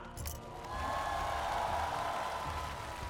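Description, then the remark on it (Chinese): A TV show audience applauds steadily for about three seconds as singer Wan Nida is welcomed to the stage to perform first, a dense, even wash of clapping that swells slightly and holds, with a low musical rumble underneath. “好的，我们一起给万妮达加油，迈着矫健步伐， 加油， 舞台应接不暇，让我们掌声有请妮达。”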